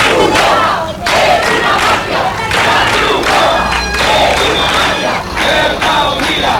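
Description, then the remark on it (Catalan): A loud crowd of dozens of residents protesting in the street in Ceuta shouts and chants continuously to block Red Cross trucks heading to Trampolín beach to deliver food to migrants, many voices rising in repeated rhythmic bursts of about a second each, with no pause in the clamour. “Una tensió que ha anat creixent hores abans quan desenes de veïns s'han manifestat al carrer per impedir el pas dels camions de la Creu Roja que es dirigien cap a la platja del Trampolín per repartir aliments als migrants.”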